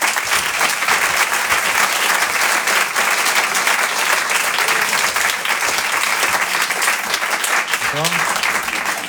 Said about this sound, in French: Et je vous demande de l'applaudir très fort, il s'appelle Jérémy Crédeville.